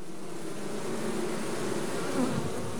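A dense, steady buzzing of many honeybees swarming as a colony splits, the old queen leaving the hive with about half the workers; a continuous low hum with shifting overtones, fairly loud throughout, with no voices.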